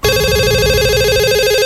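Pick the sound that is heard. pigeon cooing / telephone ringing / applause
telephone ringing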